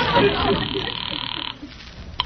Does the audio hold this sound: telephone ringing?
yes